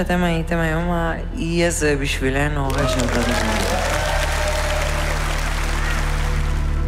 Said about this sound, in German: Ja, dafür gibt es zu Recht Applaus.